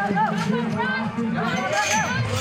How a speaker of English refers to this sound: The handlers swing open the gates and the animals dash into the arena as the crowd claps and hollers.